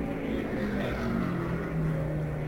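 The engine of race leader Johnny Thompson's car number 3, the Adams Quarter Horse Special, rumbles steadily as it pulls into the pits, its droning pitch wavering and sliding as the car slows, with no voices over it.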